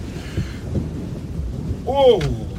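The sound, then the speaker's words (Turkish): Heavy rain hisses steadily beneath a deep, rolling rumble of thunder, with a brief wavering tonal cry rising over the storm near the end. “Vay canına, sanki gök delinmiş. Haklıymışsınız madam, hava çok kötü. Yağmurun dinmesini beklemekten başka çarem yok.”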